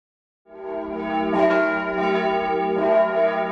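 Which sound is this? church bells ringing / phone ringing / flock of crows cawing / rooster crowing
church bells ringing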